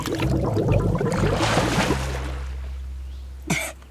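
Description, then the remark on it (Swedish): Gurgling bubbles churn for a couple of seconds as a person holds their head under the water of a waist-deep puddle to wash their hair, then fade into a low steady hum before a brief splashy burst near the end. “Pippi och doppade ner huvudet under vattnet så länge att det började bubbla”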